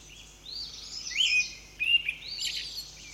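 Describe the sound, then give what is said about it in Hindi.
Birds chirp and twitter in the evening in cold early spring, with snow still lying here and there, in a steady, overlapping chorus of high, quick calls, a few brighter tweets standing out. The sound is fairly soft, with no voices. “शाम को पक्षियों की चहचहाहट सुनाई देने लगी है।”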